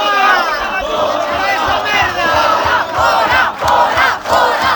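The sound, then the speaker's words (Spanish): Hundreds of protesters called out by about twenty social groups chant and shout together in Santiago while blocking an event of the far-right party Vox, in loud, overlapping waves of voices, with rhythmic surges and a few sharp knocks or claps underneath. “Así de clarito, centenares de manifestantes convocados por una veintena de colectivos sociales han impedido este lunes la celebración de un acto de la ultraderecha de Vox aquí en Santiago”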